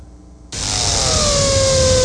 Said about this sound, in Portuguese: Os vizinhos estão que reclamam do barulho da furadeira e a dona da casa tá brava com essa sujeira toda.